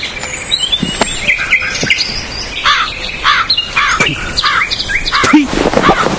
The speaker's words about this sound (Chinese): 哪里来的乌鸦，晦气！